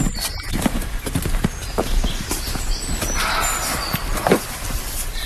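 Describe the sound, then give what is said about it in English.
A roe deer barks outdoors at people walking into the woods: a series of short, harsh, percussive calls at an irregular pace, with one louder, fuller bark near the end, over a steady hiss of woodland background. “I'd never had a roe deer bark at me before, but I have now. And he sounds angry.”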